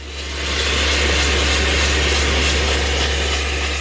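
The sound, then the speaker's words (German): A hydraulic drilling machine bores into the rock wall below the terrace of Restaurant Quahua. Specialists from an external construction firm have roped down into the wall, and a colleague above steers the machine. It gives a loud, continuous mechanical roar with a deep engine hum and a broad hiss, rising in the first half second and then holding constant. No voices. “Sein Kollege oben steuert die hydraulische Bohrmaschine.”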